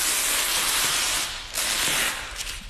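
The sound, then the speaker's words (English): Paper tape being peeled away while unwrapping a Monet painting before it is lifted to be hung on a wall: a steady, bright rasping hiss with faint crackles, briefly easing about halfway before tearing on again, with no voices. “I'm going to get the sounds of the unwrapping, actually. It's quite nice paper tape sound.”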